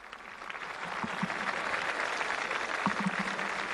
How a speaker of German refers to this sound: Es lebe der Papst, ruft die jubelnde Menge.